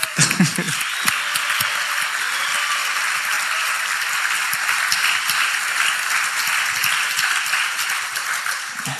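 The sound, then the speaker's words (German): Sustained applause from a crowd for the mothers present fills the whole stretch, a dense steady wash of many hands clapping at even loudness, with a faint voice briefly audible at the start. “Wir haben zwar heute nicht Muttertag, aber umso mehr sollen wir auch einmal unabhängig davon auch ein großer Applaus für euch Mütter.”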